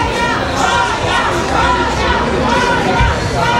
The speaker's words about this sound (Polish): W hali przylotów czekał na nią tłum fanów.